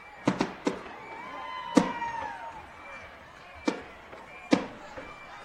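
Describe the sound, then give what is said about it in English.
Fireworks burst in a ragged series of six sharp bangs, some with whistling trails, echoing over a steady murmur of an outdoor crowd at a football game, set off after a Warrensburg Tigers touchdown. “That touchdown calls for some fireworks for the Warrensburg Tigers.”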